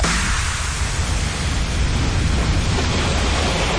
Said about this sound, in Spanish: ese sonido de olas, gaviotas, el mar, la playa.